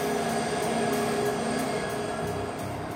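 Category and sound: vehicle, train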